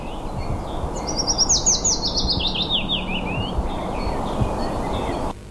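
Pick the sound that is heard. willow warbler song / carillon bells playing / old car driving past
willow warbler song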